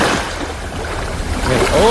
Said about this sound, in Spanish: escuchar el sonido del mar me relaja. Sonido del mar, ¿o no? Es relajante el sonido del mar, pues, ¿no? Sonido de playa, a ver. ¡Oh!